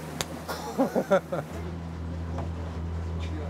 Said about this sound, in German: Katastrophal. Ich wusste gar nicht so, oh Gott, nee. Die Boote, der Wind, der Wellengang.